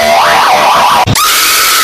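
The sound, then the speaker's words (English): A springy coil boing like the Roblox coil sound, with a wobbling, warbling pitch, cut by a brief sharp burst and followed by a bright, steady ringing tone; loud, with no voices. “It coils back like the Roblox coil sound, bitch.”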